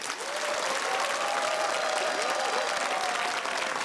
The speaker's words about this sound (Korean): 또 어떤 국악 신동이 우리 국악한마당을 찾아와 줬을까요? 여러분 큰 박수로 맞이해 주시기 바랍니다.